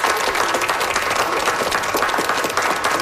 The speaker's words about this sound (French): Je pense qu'on peut lui donner une bonne main d'applaudissement. Merci.